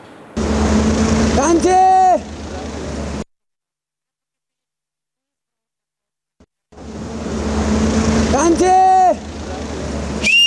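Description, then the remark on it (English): A man gives loud whistled calls outdoors across the Trishuli River at Devi Ghat, calling to his family on the other bank, over a steady rush of water and low rumble, in two bursts separated by a few seconds of silence. “He whistles across the Trishuli, calling out to his family on the other side, and then he waves.”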